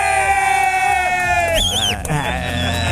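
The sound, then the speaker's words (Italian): A lone person claps, whoops and cheers loudly, letting out a sharp rising-and-falling whistle midway, with excited vocal yells running throughout. “E da solo, fa tutto lui, eh? Applaude, batte le mani, fischia, fa qualsiasi cosa.”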